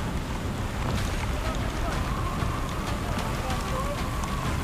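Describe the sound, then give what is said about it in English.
Strong wind from an unexpected storm with hail roars steadily and loudly, buffeting the microphone in a dense, unbroken rush, with faint muffled voices barely audible beneath it, as a crew is about to run cables through a wing. “An unexpected storm suddenly blows in. We got some hail and some more wind.”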